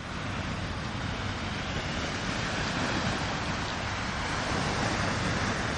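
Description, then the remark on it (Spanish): A steady, full-bodied roar of sea surf washes along without pause, broad and constant in loudness, with no voices over it. “Me temo que Madrid, como isla, como que no es, como que mar no tiene, así que la saludamos con un poquito de mar”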